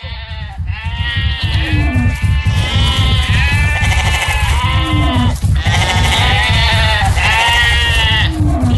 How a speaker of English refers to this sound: What is that, sire? A thick cloud of dust is flying towards us. Don't be afraid. It is just a big army marching towards us. I will fight them. Sire, that's not an army, but a flock of sheep.